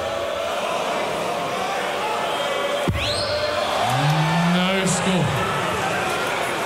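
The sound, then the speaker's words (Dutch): A crowded hall at a darts match hums steadily. A sharp thud lands, then a short rising whistle from a spectator cuts through after the throw. A second brief high whistle follows, and someone speaks briefly. “nou, dat fluitje kwam, denk ik, na de worp, toch?”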